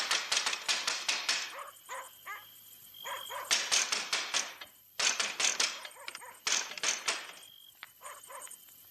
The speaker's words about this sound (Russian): Кто там стучит? Пустите меня! Пустите! Я вам все скажу!